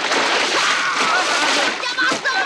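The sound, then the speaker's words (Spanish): A loud splash as a person is shoved into neck-deep water, followed by churning and sloshing, with excited voices shouting over the commotion. “Teddy empuja a Vern y lo hunde en el agua.”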